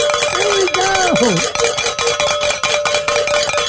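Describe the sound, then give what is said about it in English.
Bells rung at the start of the hour on a radio broadcast, ringing loudly and continuously, a dense metallic clanging with rapid repeated strikes over a sustained ringing tone, and a brief gliding vocal whoop rising above it early on. “That is always a great way to start the hours by ringing the bells, and even better when we get to also end the hour in ringing the bells.”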